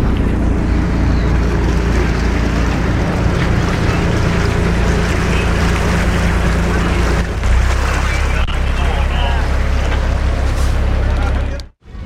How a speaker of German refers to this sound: So, der Krabbenkutter hat festgemacht. Hier werden schon die ersten Tüten bepackt mit Krabben und vor Ort verkauft.